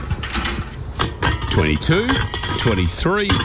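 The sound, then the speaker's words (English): Empty beer cans, being collected, clink and rattle against each other in a busy, irregular clatter of bright metallic knocks, fairly loud and continuous across the few seconds, with some short tonal squeaks mixed in. “collecting cans. This stash will get me close to $100.”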